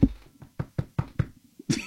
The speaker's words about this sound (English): You have to knock on wood. Knock on wood.